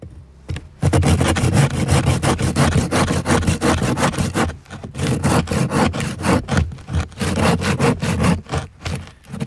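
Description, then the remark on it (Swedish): Steady back-and-forth sawing through a hard, high-density ice core from about 18 meters down, loud, with rhythmic rasping strokes that briefly pause midway before resuming. No one speaks. “Det låter ungefär som du sågar en planka, tycker jag. Ja, det här är ju en del av den här kärnan som kanske är nere på 18 meter någonting.”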